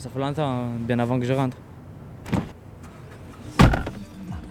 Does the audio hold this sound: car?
yes